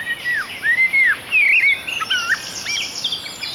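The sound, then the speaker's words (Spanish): A common nightingale sings at dusk, a call to attract a female: a varied run of clear, rising and falling whistled notes and quick chirps, with a steady high insect-like hiss in the background. “La serenata del ruiseñor al anochecer es una romántica llamada para atraer a la hembra.”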